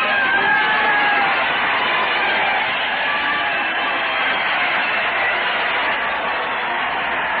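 crowd cheering

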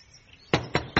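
knock

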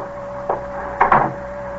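door being closed

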